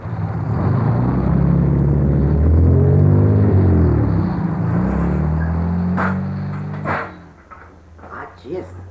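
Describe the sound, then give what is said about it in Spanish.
A Mercedes car full of people approaches, its engine rumbling loudly, the low drone shifting in pitch as it draws near, then fading into a few sharp knocks and muffled voices. “¡Qué cachimbo de gente la que viene en ese carro!”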